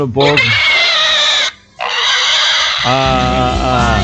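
A pig squeals loudly in long, shrill, continuous bursts, pausing briefly once before the cries resume and drop into lower, grunting squeals at the end.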